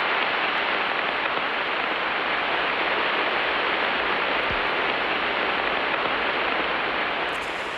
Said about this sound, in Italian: E questo è Giove ascoltato alla frequenza delle onde radio. La qualità, diciamo, non è delle migliori,